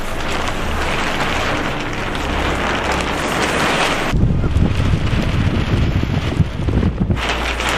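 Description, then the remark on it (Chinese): Strong wind buffets the microphone in a continuous roar at an archaeological excavation site in March as the weather turns, surging into a heavier, rumbling gust about halfway through before easing slightly near the end. No voices are heard. “三月的考古工地仍是阴晴不定，一阵大风吹过，天气说变就变。”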